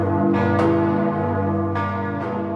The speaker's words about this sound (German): Im Moment haben wir 3-läutefähige Glocken. Mehr ist nicht. Das ist die Glockenkultur am Magdeburger Dom, die etwas bescheiden ist, um es vorsichtig zu formulieren.